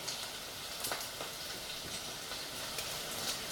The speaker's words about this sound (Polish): I to świadczy o tym, że kurczak jest już upieczony, bo tak to on sobie tak jakby lekko szumi, a kiedy jest gotowy, zaczyna sobie już tak po prostu skwierczeć.